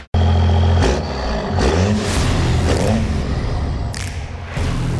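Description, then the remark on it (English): A loud diesel engine rumbles at a low idle, then revs up several times in quick bursts with rising roars and a few heavy thuds, with no voices. “The fall weather means it's time to get your diesel car or truck ready for the cold.”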